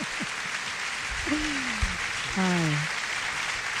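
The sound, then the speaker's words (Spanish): Steady audience applause, a dense wash of clapping that holds at an even level throughout, with a few voices cheering and calling out over it. “Aplauso, yes. Aplauso.”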